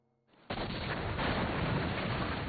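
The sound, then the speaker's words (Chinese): After a faint low hum, artillery cannon fire and explosions break in abruptly as a loud, dense, continuous roar that rumbles on steadily without pause; no one speaks. The cannon fire comes at night, in bursts recurring every 20 minutes. “此时过后，炮声每隔20分钟便会响上一阵。”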